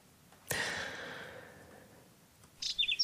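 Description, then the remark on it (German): A soft, breathy whoosh of noise fades out, then a short burst of three or four quick, high whinchat chirps rings out clearly near the end. “Braunkehlchen zwitschern, Störche kreisen am Himmel, Biberbauten sind zu sehen.”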